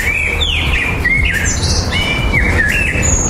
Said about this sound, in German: Im Frühjahr singen Vögel nämlich besonders viel, um ihr Revier zu verteidigen und Partner anzulocken.